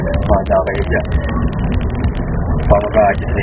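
Brief siren yelps from two police escort vehicles in Calamba, Laguna, Philippines, sound twice over steady road traffic noise, once near the start and again near the end, rising and falling quickly against the rumble of passing vehicles, as the escorts try to make a driver pull aside.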